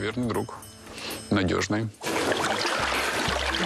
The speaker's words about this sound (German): Ich brauche heißes Wasser in meinen Ohren. Mehr, ja, gut.